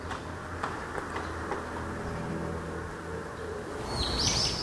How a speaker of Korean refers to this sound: 와, 저 새소리에도 저렇게 예민한 거예요?